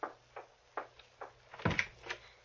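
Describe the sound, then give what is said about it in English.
A door is opened: a few quiet clicks and rattles of the latch, then a heavier creak and thud as it swings, followed by a soft knock-like tap. No voices. “Open the door.”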